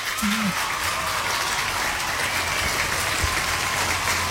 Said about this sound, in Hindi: और बिल्कुल सही जवाब दिया आप लोगों ने, इसलिए आपके लिए यहाँ पे हम स्पेशली बजाएंगे तालियां।